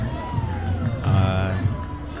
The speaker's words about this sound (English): Optimistic Blue Wahoos fans have been given something to cheer about. Yeah, lively. It's telling that it took me so long to find a second adjective. They're excited.